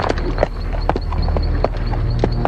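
Horse hooves clip-clop in a steady, unhurried rhythm, each hoof strike a crisp knock, over a low rumbling background that runs throughout.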